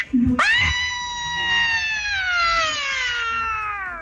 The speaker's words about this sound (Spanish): Ok, y nos vamos con el último grito participante, que es el número 6.